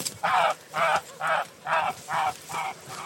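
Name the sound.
geese honking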